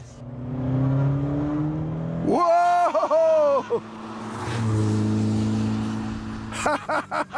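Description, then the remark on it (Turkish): A TVR sports car with a Speed 8 (AJP V8) engine, a light body and a sports chassis, roars as it accelerates hard on the road. Revs climb in a harmonic sweep, then drop back to a throaty drone before a few sharp blips of the throttle at the end. “Atik bir arabaymış. Hafif bir gövdesi, spor şasisi ve harika bir motoru var. TVR Speed 8 motoru var.”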